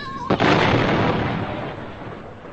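A single loud explosion of the John capsule bursts in suddenly, then trails off into a long, roaring rumble that slowly fades. No voices are heard.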